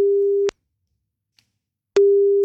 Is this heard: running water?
no